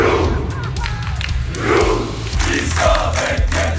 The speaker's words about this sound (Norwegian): Det var full fest og stormende jubel i Oslos gater etter seieren i natt, selv Slottsplassen var full av roende fans.